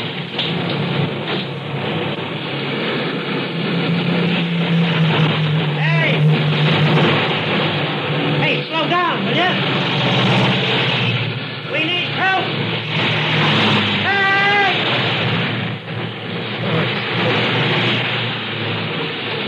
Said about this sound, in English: I can't get across those four lanes of traffic. I'd never make it.